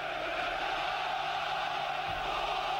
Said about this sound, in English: But Rodrigo de Paul, it's a cheering for the Egyptians. Cheering for the Egyptians.